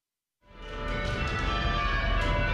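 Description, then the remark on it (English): Large bells in the bell tower on the Kalamazoo College campus ring out after a brief silence, rung by a team each pulling the rope for a single bell; their loud, overlapping peals build into a sustained wash of clanging tones and long, shimmering resonance. “When the bells ring on the Kalamazoo College campus, it takes strength and teamwork as they each control the rope for a single bell.”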